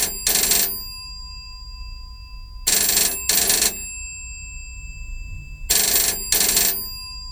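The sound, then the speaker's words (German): A telephone rings in three paired bursts, each double ring short and bright with a buzzing, metallic tone, separated by pauses of quiet. Loud, with no one speaking. “Gerade als ich zur Tür hinaus wollte, klingelte das Telefon.”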